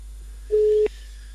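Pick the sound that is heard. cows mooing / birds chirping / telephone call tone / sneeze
telephone call tone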